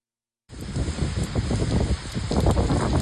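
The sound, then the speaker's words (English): Heavy torrential rain pours down overnight over cities east of Tokyo, in Japan's Chiba region, in a dense, continuous hiss with spattering drops, starting abruptly after a brief silence and staying loud throughout, with no voices. “The torrential rain that pounded cities east of Tokyo overnight flooded roads and dozens of homes and caused power outages.”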